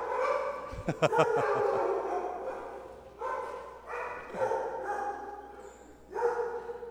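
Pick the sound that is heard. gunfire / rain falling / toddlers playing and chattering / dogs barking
dogs barking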